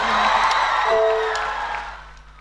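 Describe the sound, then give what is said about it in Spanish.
A crowd at the FM Evolution 105.9 radio station applauds and cheers loudly for a singer, with whoops and shouts over steady clapping, easing off slightly toward the end of the short burst. “Un aplauso, por favor.”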